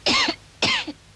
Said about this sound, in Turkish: Ablası aç bakayım sırtını. Öksür.